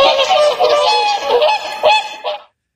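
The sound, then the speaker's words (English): A swan gives a loud run of harsh, nasal honks in quick succession for about two and a half seconds, then falls silent. No one speaks. “The answer is a swan. Yeah, it turns out they sound remarkably similar to geese.”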